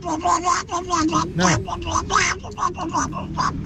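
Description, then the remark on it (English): Someone does an impression of Donald Duck, spouting a rapid, raspy stream of garbled quacking syllables in short continuous bursts, fairly loud for a few seconds. “This is my impression of Donald Duck.”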